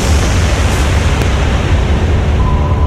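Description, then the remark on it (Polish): A bomb detonated by ETA militants under the prime minister's car on a street explodes with a powerful roar, deep sustained rumbling and crackling debris noise, loud, filling the whole stretch without a break and with no voices present. “Gdy pojazd znajduje się już w ustalonym punkcie, zamachowcy detonują ładunek.”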